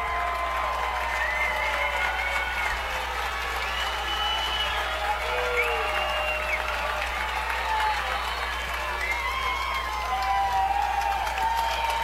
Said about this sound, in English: Brandon Valley crowd really getting into it here.